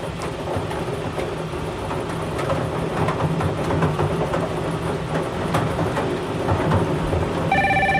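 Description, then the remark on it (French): A telephone starts ringing near the end, a bright electronic tone cutting through a loud, steady rumbling background noise that fills the whole stretch beforehand. “Et le téléphone nous annonce un gagnant.”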